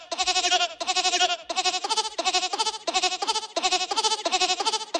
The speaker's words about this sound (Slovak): A koza zas výborne napodobňuje synťák.